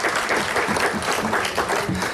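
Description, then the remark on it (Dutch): A burst of steady applause from a group, dense clapping filling the whole moment at a fairly loud, even level with no pauses. “Dat is best wel een applaus waard, hoor.”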